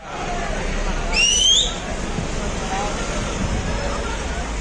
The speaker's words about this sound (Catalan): Això que sentim és l'enfrontament a aquesta hora baixa a Platja de Palma. Un venedor ambulant ha quedat detingut després que altres 40 persones ho hagin intentat aturar. Tot ha començat quan els agents intentaven detenir-ne un d'ells.